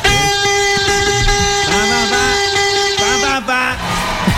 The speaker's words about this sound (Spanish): Me tienen hartos a bubucelas.